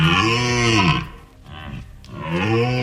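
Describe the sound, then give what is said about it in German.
A red deer stag roars twice, each a long, deep, harmonic bellow, loud, separated by a brief quieter gap. No voices are heard. “das war ein Hirschebrüllen”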